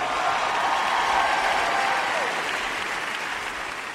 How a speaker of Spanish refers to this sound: fuerte aplauso